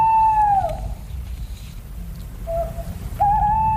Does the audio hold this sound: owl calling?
yes